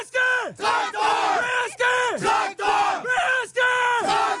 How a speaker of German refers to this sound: Wir haben als Tradition den Traktor im Herzen und im Logo. Das stammt aus der Historie der Betriebssportgemeinschaft Traktor Protzel. Und die Spieler rufen es als Schlachtruf vor Beginn des Spiels.